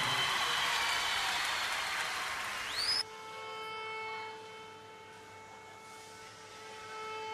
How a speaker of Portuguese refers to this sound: Por tudo o que ele nos tem mostrado a nós angolanos, eu acho que ele merece o vosso aplauso de pé, senhoras e senhores.